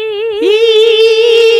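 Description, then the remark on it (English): A voice imitates a buzzing mosquito with a loud, steady, high nasal whine that holds one pitch, wavering slightly, for over a second, alone without talk. “I sound like a mosquito doing that.”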